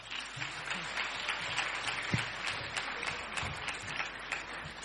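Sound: audience clapping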